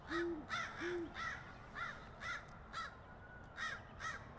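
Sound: crow cawing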